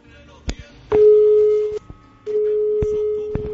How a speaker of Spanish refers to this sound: Está llamando la otra línea del móvil.